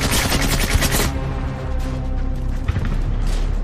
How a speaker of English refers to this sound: The original tank commander calls for his weapon. He emerges from his hatch and begins to fire, adding to the cacophony. With a rash of gunfire and explosions from around the village,